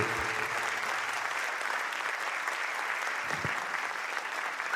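Steady, dense applause from an audience, many hands clapping continuously at an even loudness for several seconds without a break.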